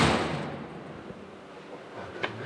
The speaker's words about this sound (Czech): Tak ten zvuk dveří už říká mnoho, protože jsou evidentně pancéřové. A my vstupujeme do oratoře před jeden z národních pokladů, protože stojíme před Závišovým křížem.